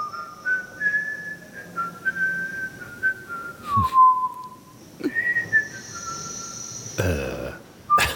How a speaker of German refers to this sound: Da pfeift ein vergnügter Ausstellungsmitarbeiter oder was? Könnte man denken, aber das ist Teil einer Installation von Ian Walder.